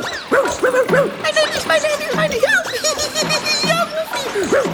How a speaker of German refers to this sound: Er hüpft ins Wasser, bellt freudig und planscht mit den Pfoten.